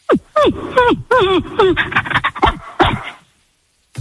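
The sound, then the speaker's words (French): A person imitates a panting dog: a quick, loud run of short breathy pants mixed with whiny voiced yelps for about three seconds, then silence. “je sais faire le chien parfaitement.”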